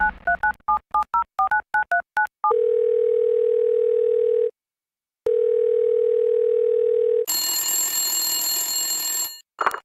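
A rapid run of telephone keypad beeps, followed by two long, steady droning phone tones split by a short silence, ending in a harsh, high-pitched electronic squeal. No one speaks.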